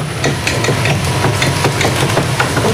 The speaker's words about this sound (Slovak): Takýto zvuk vydáva otáčajúca sa kupola.